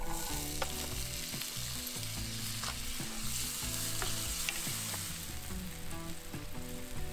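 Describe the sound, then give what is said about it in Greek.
Steady, loud sizzling of boiled chickpeas added to a very hot pan with extra virgin oil, onions and garam masala, a dense crackling hiss with scattered sharp pops and occasional clicks of stirring, no voices. “Εδώ καίει πολύ, δεν θα χρησιμοποιήσουμε παραπάνω και ρίχνουμε τα ρεβίθια τα βρασμένα.”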